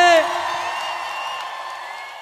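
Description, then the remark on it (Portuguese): A crowd shouts and whoops together in one sustained, loud roar of many overlapping voices, starting with a sharp burst and holding steady for about two seconds. “Então solta o grito que eu quero ouvir.”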